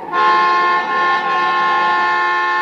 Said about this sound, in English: What are you honking now for? He's gone. Your horn. What about it? Oh, nothing. I thought I'd heard it before.